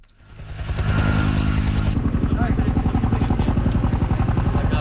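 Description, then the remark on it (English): A helicopter swells in within the first second and holds loud, its engine drone turning into a steady, rapid rotor chop that thumps on for several seconds, as helicopters drop water on a wildfire in Greece that broke out overnight. “In Greece, helicopters drop water on a blaze that broke out overnight and has grown rapidly.”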